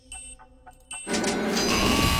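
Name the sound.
quiz timer buzzer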